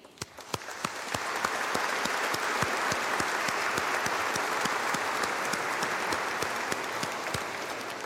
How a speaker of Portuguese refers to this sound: E isto é digno de mérito. Queria dar uma grande salva de palmas ao nosso grupo coral.